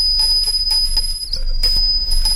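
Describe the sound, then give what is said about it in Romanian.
A small bell rings repeatedly in quick, rhythmic strokes, its bright tone sustained, over a steady low rumble in the background. “Sună clopoțelul.”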